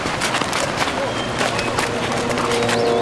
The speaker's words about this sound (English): What's that? That's the horns blowing for the city gates to be opened.